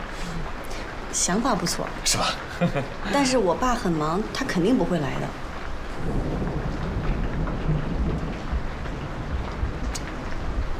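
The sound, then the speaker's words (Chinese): Steady rain hisses throughout a thunderstorm with lightning outside, with a low rumble rolling in partway through. People talk over the downpour during the first half, then the rain carries on alone. “刚刚外边电闪雷鸣。 哎，我也没想到会下雨嘛。”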